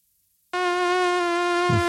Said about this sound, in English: The mosquitoes at Edmonton's Royal Mayfair course, Corey, have been overwhelming at times